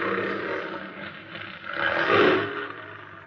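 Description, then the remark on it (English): A female big wild cat lets out a deep, rumbling roar from up a trail, swelling in the second half before fading, rough and throaty across its length with no one speaking. “Keep the safety on that rifle, Benson. We're taking that cat alive.”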